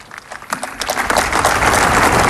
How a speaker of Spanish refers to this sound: Vuelve a levantar los aplausos por toda la plaza, que permanece atenta a las últimas palabras.